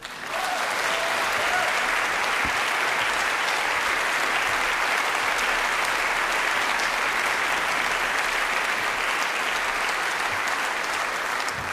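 Sustained applause from an audience welcoming the guitar player of a band, a dense, even wash of clapping that stays loud and steady for the whole stretch with no pauses or voices breaking through.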